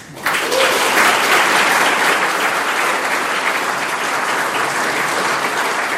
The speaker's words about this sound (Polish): Te oklaski upewniły mnie, że nie muszę nic więcej mówić.